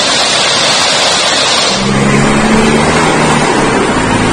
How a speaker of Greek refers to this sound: Στα φέρμα Ιεράπετρας η κυκλοφορία των οχημάτων γίνεται ακόμα με δυσκολία. Σε πολλά σημεία ο δρόμος που οδηγεί στη Σιτία έχει χωπεί. Η ισχυρή βροχόπτωση τη νύχτα προκάλεσε πλημμυρικά φαινόμενα και ζημιές σε δρόμους και υποδομές.